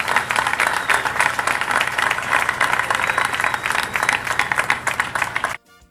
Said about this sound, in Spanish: 10 meses después, con una precisión que asombra, yo quiero pedir aquí un aplauso para los contratistas, los operarios, porque se han lucido con este trabajo.